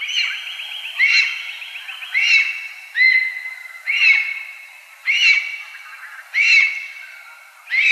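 A lesser spotted eagle calls repeatedly, about seven sharp, yelping notes at a steady pace of roughly one per second, clear, with no voices present.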